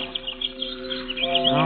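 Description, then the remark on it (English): Birds chirp and twitter near a statue in a steady, busy flurry of short tweets, layered over a sustained tonal hum, growing slightly louder toward the end. “It's a terrible thing what you birds have done to it.”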